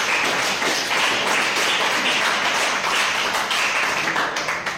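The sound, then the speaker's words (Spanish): Audience applause: a steady, dense wash of many hands clapping, bright and crackly, sustained at an even loudness for the whole stretch with no voices over it. “Un aplauso, muchachos.”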